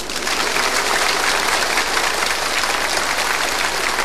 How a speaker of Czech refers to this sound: Je to fajn, teď už budou tleskat všemu.